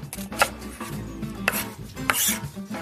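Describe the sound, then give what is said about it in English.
A knife chops on a cutting board in a few sharp, uneven knocks, with soft scraping and rubbing between strikes as garlic is minced and onion is diced small for a potato mash batter. No one speaks. “So next, we are going to mince up some garlic and slice up some onion. We're gonna dice up the onion pretty small because remember, we're gonna fold this into our potato mash batter.”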